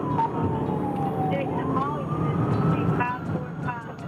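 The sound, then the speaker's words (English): Dash cam audio from a police car in a high-speed chase: a police siren wails in slow rising and falling sweeps over a steady, heavy rumble of engine and road noise from inside the speeding vehicle, with faint muffled voices. “This is the dash cam video from one of the police cars, and you may recognize it.”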